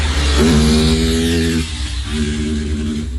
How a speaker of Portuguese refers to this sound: Isso é legal botar com som, viu? O pessoal fazendo corridinha de motocicleta sem capacete, inclusive? Ah, isso faz diferença. É isso? Tem som ali? Tem, ó.